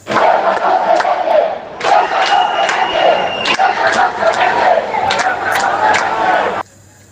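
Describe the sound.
A large crowd of Ceuta residents shouts in protest while waiting for Sánchez to arrive at the Ceuta city hall, voices chanting loudly in repeated bursts with short pauses between them, a dense roar of many people that cuts off abruptly at the end.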